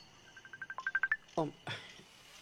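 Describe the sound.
A mobile phone rings with an incoming Messenger call, a quick run of bright electronic notes climbing in pitch for about a second, followed by a short burst of voice and rustling.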